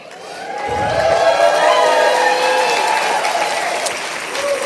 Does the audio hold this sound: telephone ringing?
no